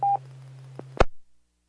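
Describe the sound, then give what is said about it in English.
A single short touch-tone beep over a steady low hum on a radio repeater channel as the speaker switches over to the repeater phone patch, followed by a faint click and then an abrupt burst of static as the transmission cuts to silence. “I don't know why I didn't think about this, but I switched over to repeater phone so I could continue talking with you.”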